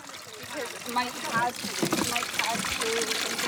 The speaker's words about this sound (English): You've got big containers of water here and they're just being transferred across.